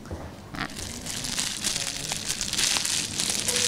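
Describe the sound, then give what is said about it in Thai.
A plastic bag is crumpled by a student during a classroom science lesson on sound, a continuous crinkling, crackling rustle that starts after a brief quiet moment and keeps going with irregular crisp bursts. “พอเพื่อนขยำถุงแล้วเป็นยังไงคะเกิดเสียงไหมคะมีเสียงหรือเกิดเสียงนะคะ”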